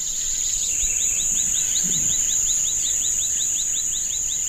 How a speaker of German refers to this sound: Hier ist Ruhe und wir können das vielfältige Vogelgezwitscher und das Quaken der Frösche hören.